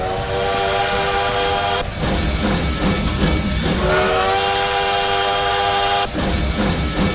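A train sound effect: two long, steady whistle blasts sound over a continuous loud rumble and hiss of the moving train, with a short break between them.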